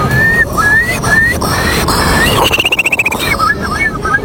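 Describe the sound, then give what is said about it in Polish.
At the third Polish Championship in bird imitation, in front of the Palace of Culture and Science, a person whistles an imitation of a Eurasian curlew as a showpiece: several rising, high whistled notes, then a quick bubbling trill, then a few more rising whistles, fairly loud over a low background hum. “Numer popisowy to będzie Kulik Wielki. Brzmi on mniej więcej tak.”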